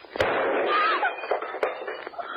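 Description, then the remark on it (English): A gun with a hammer goes off accidentally while held near someone's body: a sharp, loud crack, followed a moment later by a second sharp report, both over a steady rushing hiss. The bullet breaks a vase. “You were holding that gun near your body when it exploded.”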